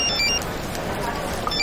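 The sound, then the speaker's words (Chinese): A phone rings with a bright, repeating electronic tone, heard in two short bursts over a steady background murmur of people. “接电话啊。”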